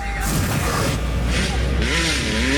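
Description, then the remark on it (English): Dirt bike engines rev loudly in the streets, their pitch rising and falling in quick swells, mixed with bursts of hissy, whooshing noise over a steady low rumble. “To the dirt bikes revving in the streets.”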